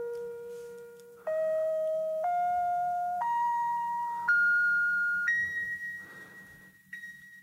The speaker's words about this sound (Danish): Det gør jeg, fordi at alle mine ringetoner på min telefon, både når der er nogen, der ringer, når jeg får sms'er og andre notifikationer, de er samlet fra den samme plade. Sådan her lyder det, når jeg får en sms.